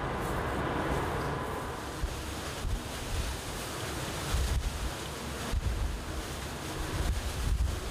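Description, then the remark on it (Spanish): Rough sea with waves about 4 metres high surging and crashing steadily, with gusting wind buffeting the microphone and low rumbling swells rising every few seconds; no voices. “Estima que la altura de las olas es de unos 4 metros. El mar está agitado, ¿no?”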